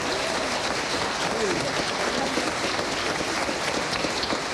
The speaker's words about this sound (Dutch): Luisteren naar het C-orkest. We hebben dit allemaal in een paar weken ingestudeerd. Dus geef ze één grote applaus. Dank jullie wel.